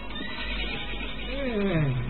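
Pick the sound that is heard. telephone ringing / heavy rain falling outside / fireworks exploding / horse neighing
horse neighing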